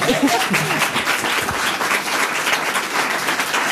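An audience breaks into steady applause, a dense wash of many hands clapping at an even level throughout, with a brief murmur of voices at the start.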